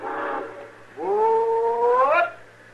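A steam train whistle sounds at a station: a short blast, then a longer sustained, reedy tone that swells and bends upward before cutting off. It is heard alone.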